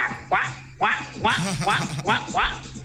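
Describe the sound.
A person imitates a duck, letting out around six nasal, honking quacks in a quick, slightly uneven series, fairly loud.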